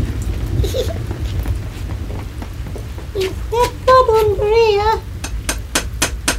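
Steady rain patters, with sharp drops tapping throughout over a low constant rumble. A brief wavering vocal sound rises above it midway.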